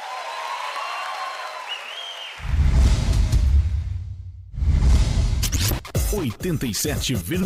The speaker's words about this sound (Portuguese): Obrigada, muito obrigada. Mais aplausos.